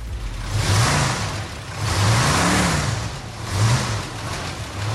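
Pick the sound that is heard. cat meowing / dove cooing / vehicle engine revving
vehicle engine revving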